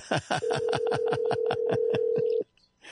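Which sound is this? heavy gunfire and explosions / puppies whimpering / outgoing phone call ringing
outgoing phone call ringing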